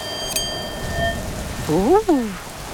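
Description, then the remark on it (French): Steady rain hisses throughout, with a brief rising-and-falling howl near the end, like a gust of wind, that sounds produced by a voice. “On n'entend plus que le bruit de la pluie et du vent.”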